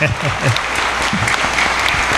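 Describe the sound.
Steady applause from an audience for the children after reciting the Lord's Prayer, a dense, sustained patter of many hands clapping at an even loudness, with a voice briefly audible underneath.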